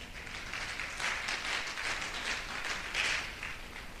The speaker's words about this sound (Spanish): Dele un aplauso al hermano